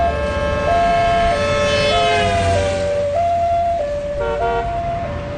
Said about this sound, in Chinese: 救护车在滨海的街头上疾驰。